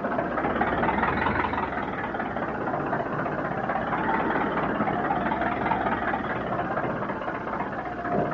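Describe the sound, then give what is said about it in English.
A ship's engines drone heavily and continuously as the ship runs into a storm in rough sea, the stern lifting out of the water, a dense, rumbling roar that stays loud throughout with no pauses and no voices. “Those engines sound like the stern's coming clean out of the water.”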